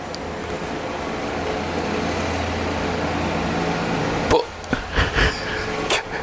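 A loud car drives past, its engine rumbling for about four seconds in a deep steady drone, then cutting out and giving way to a few sharp knocks and clatters.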